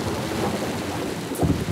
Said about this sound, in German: Regen! Donner! Blitz!